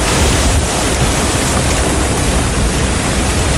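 Strong storm wind roars loudly and steadily throughout, a dense continuous rushing with slight gusty swells, close to the microphone and with no voices.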